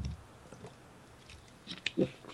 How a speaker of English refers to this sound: Let me get a slurp here.